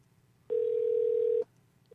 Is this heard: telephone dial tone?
yes